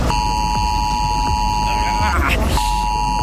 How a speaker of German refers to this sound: Der Warnton soll auf den meisten Handys ankommen, auch wenn sie auf lautlos sind. Heute um 11 Uhr wird das getestet am deutschlandweiten Warntag.